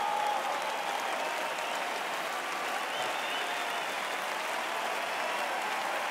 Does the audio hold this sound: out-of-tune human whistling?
no